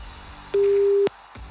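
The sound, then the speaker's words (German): A single steady telephone ringback tone, heard while waiting for a call to be answered, sounds once for about half a second, loud and clear against a quiet background hum, with no one speaking. “Oh komm, geh auf dem Telefon, komm.”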